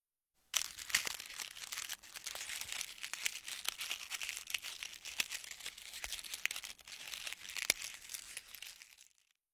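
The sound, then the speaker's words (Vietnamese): Continuous dry crinkling and crackling of thin crispy toasted seaweed (nori) being bitten and crunched, illustrating the Japanese onomatopoeia 'pari pari', with sharp snaps scattered through about nine seconds of steady sound and no voices. “Đúng là cảm giác cắn vào cái gì đó mỏng và giòn nhỉ”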